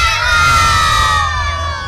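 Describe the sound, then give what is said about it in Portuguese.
A crowd of children shouts "Galo" together in unison at an arena, one loud, drawn-out cheer held for about two seconds, energetic, with a rumble of background noise underneath. “Se a criançada estiver feliz, vai gritar Galo.”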